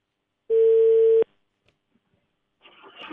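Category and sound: signal or alarm, telephone call connecting tone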